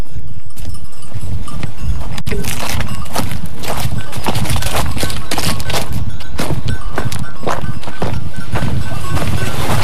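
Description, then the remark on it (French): Footsteps going down dry stone stairs restored by the Louvalate association, at Le Vernet in Saint-Germain-de-Calbert, crisp, with hard scuffing, clacking impacts in an uneven walking rhythm throughout, over a steady outdoor background and no talking. “Et là, on est en train de descendre des faïences. Voilà, des beaux escaliers en pierre sèche.”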